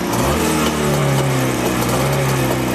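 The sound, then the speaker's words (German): A small vintage motorcycle engine, started after its carburettor was flooded to give it more fuel, idles loudly and steadily with a buzzing, droning tone, its pitch lifting slightly as it revs a little. No one speaks over it. “Bisschen fluten, den Vergaser, das heißt wie Schock früher, bisschen, dass er mehr Sprit kriegt. Und dann dürfte er eigentlich laufen.”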